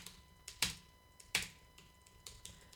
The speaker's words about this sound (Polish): Naciskam jak tylko mogę te klawisze, dosyć szybko. A tu naprawdę jest to całkiem ciche, nie jest to uciążliwe, jeżeli chodzi o pisanie.